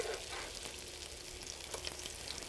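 Food sizzles steadily in an electric frying pan set to 350 degrees, a continuous crackling hiss with small pops scattered throughout, moderately quiet, with no talking.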